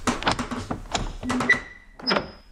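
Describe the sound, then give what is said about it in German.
A door is opened: a few quick clicks and knocks of the latch and handle, followed by a thin, drawn-out creak as it swings. “Ich mach die Tür auf.”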